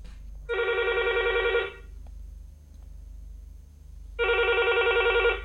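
A telephone rings twice as a listener calls in to a phone-in radio request programme, each ring a steady buzzy trill lasting about a second, separated by a long pause with a quiet background hum and no talking.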